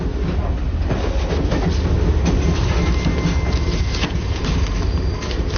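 A train rolls steadily along the rails with a dense low rumble and faint rhythmic clickety-clack, heard from inside a carriage with no pauses.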